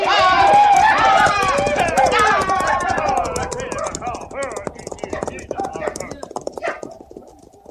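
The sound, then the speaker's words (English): A herd of thousands of buffalo thunders past, coming over the hills and running for the river, hooves drumming in a rapid, dense, continuous patter. Loud wavering whoops and cries ride over the first half, then fade as the galloping rumble carries on. “Coming over the hills beyond, running for the river. Look at them. Thousands of them, noses in the wind and running belly bent for breakfast.”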